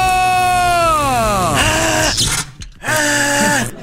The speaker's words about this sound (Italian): Per questo si becca una bella scossa dalla nostra sedia elettrica.